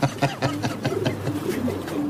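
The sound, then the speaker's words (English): Pigeons cooing in a loft in Dublin, a steady overlapping chorus of low, throaty, burbling coos with soft fluttering and scuffling noises mixed in, continuous throughout. “stick a pin in a map, and you won't be far from a pigeon loft in Dublin.”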